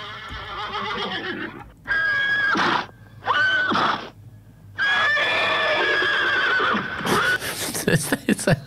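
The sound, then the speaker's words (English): Several horses neigh and whinny in a run of loud, shrill, quavering calls, one after another with brief gaps, ending in snorts and rough breathy noises. “Here, I got some horse noises for you, just to get you in the zone of the bush poet.”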